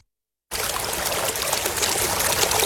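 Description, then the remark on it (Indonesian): A river trickles and splashes steadily after a brief moment of silence, a continuous bubbling and rushing of water with no voices. “Peri Peti pun pergi ke sungai. Ia mengambil air.”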